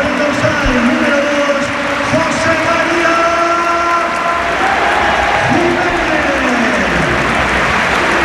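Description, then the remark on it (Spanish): A stadium crowd gives a loud, sustained ovation for Uruguayan player Jiménez as he is substituted off, replaced by Lenormand, with steady applause and cheering plus scattered whistles that fill the whole stretch without a break. “el colegiado que le invita a salir porque ya se produce el cambio, sale Lenormand y esta es la ovación que se lleva el uruguayo que se marcha a calle acontecido, no se lo puede creer.”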